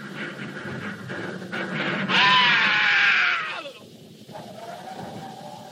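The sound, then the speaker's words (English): A long, shrill human scream wavers loudly for a second or two, then slides downward and fades, over a steady rushing background noise. “I thought I heard a scream. A long scream.”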